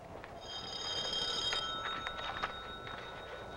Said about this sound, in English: Will you answer your phone, you big clown?